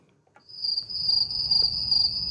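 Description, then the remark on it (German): A steady, shrill chorus of crickets chirping continuously, with a soft insect buzz and low rustling underneath, moderately loud, with no voices, at a nature enhancement project where new habitats have been created on former farmland. “Es summt, zirbt und blüht.”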